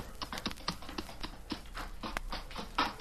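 The hooves of a couple of horses clip-clop into a cave in a quick, uneven run of hard knocks against a solid surface, steady, with no voices over them.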